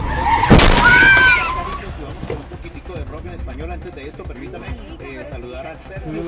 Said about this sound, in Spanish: El auto impacta la moto lanzando a los dos pasajeros a varios pies de distancia.